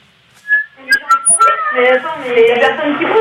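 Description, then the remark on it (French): A seagull calls with a few high, wailing cries, the first one thin and isolated, then a denser run of calls blending with murmured voices. “J'entends la mouette.”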